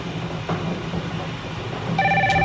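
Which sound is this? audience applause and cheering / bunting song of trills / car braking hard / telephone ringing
telephone ringing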